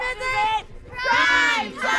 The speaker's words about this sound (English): Hooray for Saturday! They cheer.